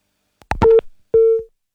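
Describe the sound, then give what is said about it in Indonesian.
A few clicks on a phone line, then two short, steady beeps of a telephone busy tone, loud, with a brief gap between them and no one talking, after the call with Teddy Rusmawan, a member of Commission 1 of the West Java Provincial DPRD, was cut off. “Kami terputus hubungan telepon bersama Pak Teddy Rusmawan selaku anggota Komisi 1 DPRD Provinsi Jawa Barat.”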